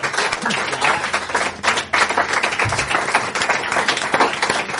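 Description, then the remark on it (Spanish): A crowd applauds musicians steadily, a dense wash of many hands clapping at once, loud and sustained, with faint voices mixed into the noise. “Un aplauso para eles, por favor.”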